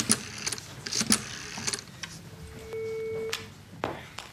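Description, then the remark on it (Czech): A telephone number being dialed: a series of sharp mechanical clicks, then a steady electronic tone for about a second, ending with another click. Clear, with no talking. “Já si teď vybírám ze své kartotéky ještě jedno číslo na Jiřinku a zkusím se s ní opět spojit.”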